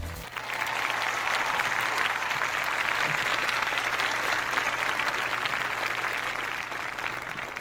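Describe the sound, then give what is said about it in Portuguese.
A crowd applauds steadily for several seconds to celebrate the start of a Tuesday morning, a dense, even wash of many hands clapping at constant loudness with no voices on top, easing slightly toward the end. “E como forma de agradecimento a Deus por estarmos aqui mais um dia e para celebrarmos a vida também, vamos aplaudir esse dia que se inicia.”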